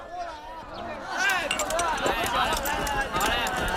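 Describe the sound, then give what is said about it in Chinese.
War horses gallop and neigh amid a roaring crowd of battle shouts as a troop of Song soldiers fights Jin soldiers in swirling yellow sand, a dense, loud mass of hoofbeats and whinnies that swells after the first second and stays intense throughout. “黄沙滚滚，战马嘶鸣，喊杀声响彻天际，一队宋军正和金兵进行。”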